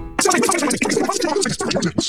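A burst of a Superloop internet advertisement played sped-up and fast-forwarded: chipmunk-pitched, garbled speech and music racing by in a dense, continuous chatter for about two seconds, loud.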